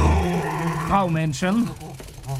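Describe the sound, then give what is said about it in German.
A dog named Norbert growls, a low rumble breaking into short whiny, rising-and-falling vocal tones over a couple of seconds, with voice-like sounds mixed in. “Und Pipi sollst du auch draußen machen. Norbert ist ein böser Hund.”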